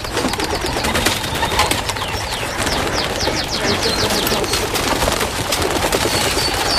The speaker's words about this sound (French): Là, c'est beau, hein. Rien que pour voir ça, il faut perdre 2 heures. Les pigeons qui volent entre deux buses variables.